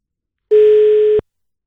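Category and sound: signal or alarm, telephone line tone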